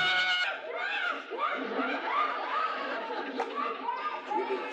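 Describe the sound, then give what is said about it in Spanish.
A child, the character La Chilindrina, cries steadily, voice breaking into a string of rising and falling wails, sobbing without pause from start to finish. “¿Sigue llorando? Pues claro, si ya sabe que ha muerto su tío Jacinto.”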